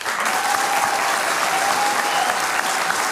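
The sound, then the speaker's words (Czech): Steady applause from an audience in support of the radio fills the whole stretch, a dense wash of many hands clapping at once, loud and sustained without pause, with a faint whistle-like tone drifting through. “Děkujeme za tu podporu a tím mám na mysli nejenom tenhle potlesk, ale vůbec vaší podporu, kterou my v rozhlase cítíme.”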